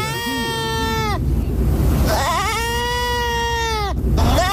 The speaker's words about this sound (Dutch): Zal ik het voor de vorm gewoon nog maar een keer laten horen, diertje dan? Is het een geit? Een geitje? Nou, dat zou zomaar kunnen. Welk dier hoor je hier?